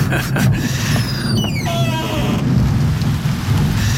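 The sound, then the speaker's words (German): Steady rain pours down with a dense, hissing patter, joined by a low rumble of thunder. A few brief descending whistling tones sound faintly early on. “Oh nein, Chief, jetzt regnet es auch noch.”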